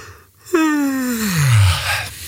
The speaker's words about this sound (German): Das ist fies, oder? Ich lasse mich auch immer anstecken, wenn irgendwo irgendwer gähnt, sogar im Fernsehen.